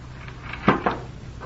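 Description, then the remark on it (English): A wooden secret door in a cupboard swings shut with two quick, solid knocks close together, followed by a faint later tap over a low background hum. “You better put those jewels away in your cupboard and close the secret door.”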